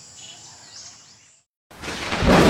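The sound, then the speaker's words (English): Soft outdoor ambience of chirping birds and insects cuts to a brief silence, then a loud, rolling rumble of thunder swells up and grows stronger to the end. “Storm season's rolling towards Columbus, and blackouts can follow.”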